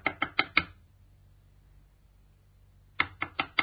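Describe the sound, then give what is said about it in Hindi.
Two bursts of four sharp, fairly loud knocks on a house door, separated by a couple of seconds of quiet low hum, each series quickening slightly toward the end. “सुनो जी, कोई दरवाजा खटखटा रहा है, देखो ना कौन है।”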